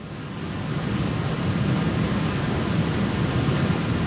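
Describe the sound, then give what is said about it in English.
A steady, dense roar of rushing water fills the scene, constant, like a waterfall pouring without pause. No voices are present. “I do not want to fall down into that waterfall.”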